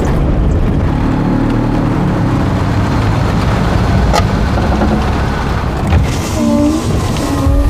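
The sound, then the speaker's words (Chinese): A loud, steady engine rumble runs throughout, continuous, with a coarse, throbbing low-end drone like a tractor idling and chugging, and no one talking. “这也能叫车吗？那拖拉机是吗？”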